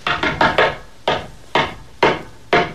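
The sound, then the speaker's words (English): Knocking on a wooden back door: a quick burst of four raps, then a slower series of single knocks spaced about half a second apart, each a sharp, solid thud with no voices. “That's the back door. I'll get it.”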